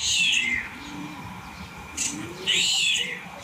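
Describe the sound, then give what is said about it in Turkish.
A starling imitates a cat, giving two bright, cat-like meowing calls, one near the start and another about two seconds later, with a short sharp chirp between them over faint background noise. “Evet, kedi sesini yapıyor sığırcık.”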